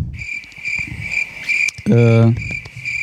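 Crickets chirp steadily throughout in a high, pulsing trill, briefly overlapped midway by a loud, low droning tone that stops after about half a second.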